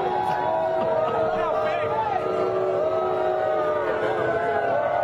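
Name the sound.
crowd booing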